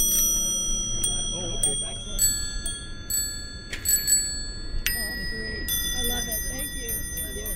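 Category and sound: signal or alarm, vintage bicycle bells ringing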